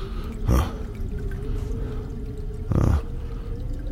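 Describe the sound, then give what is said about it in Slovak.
Water trickles steadily in a toilet cistern under a low, constant hum, broken by two brief, louder gurgling gushes a couple of seconds apart. “Asi by bolo lepšie ten otravný splachovač, starú strechu, aj tchory, aj myši, aj všetko predať a voľačo za to.”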